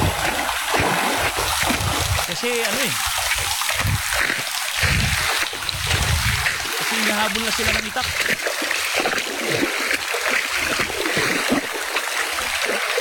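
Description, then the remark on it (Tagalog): Steady rushing river water fills the background as two people cross the river, a loud continuous wash with splashing throughout, while a man talks in short phrases over it. “Tumawid sila ng ano eh, ng ilog.”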